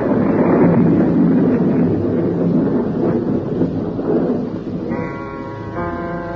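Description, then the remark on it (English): A storm rises in a loud, continuous roar of wind with deep thunder rumbling through it. Near the end a steady tonal hum joins in. No one speaks. “The wind came. The storm was beginning.”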